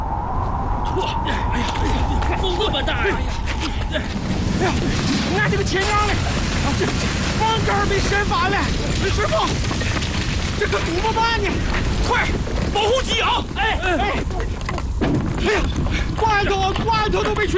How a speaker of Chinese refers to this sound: 停，这又开始刮大风了。可不是嘛，朝鲜这天是咋了？刚入冬，老天爷就发疯。